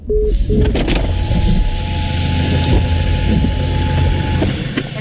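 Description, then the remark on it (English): A car's engine and road noise rumble steadily from inside the vehicle, with a couple of short electronic beeps near the start and a faint whining tone running underneath. The car is driving in rain in the Waitomo district farming area and pulling up at a general store. “Hey Eugene, I think I'm just pulling up.”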